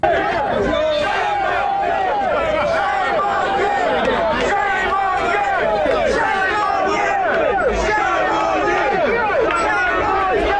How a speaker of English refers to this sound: Well, they appear to be shouting shame on you there at some of the police officers.